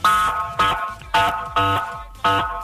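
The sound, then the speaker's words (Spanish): A car horn honks five times in a steady, insistent rhythm, each blast loud and brassy with a sharp onset, with no talking. “A las 20 horas voy a estar afuera de tu casa tocando la bocina, así.”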